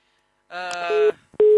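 A telephone busy signal after a caller's line drops on a radio call-in show: a loud, buzzy steady tone sounds for about half a second, breaks off briefly, then starts again, with no voices.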